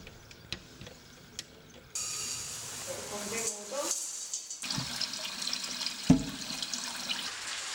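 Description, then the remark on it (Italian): Cold water gushes steadily from a tap into a pot or sink to soak fava beans, a continuous splashing rush that starts after a couple of quiet seconds with a few light clicks and a clunk. “Si mettono a bagno nell'acqua fredda e si portano ad ebollizione, per poi farle riposare per una notte.”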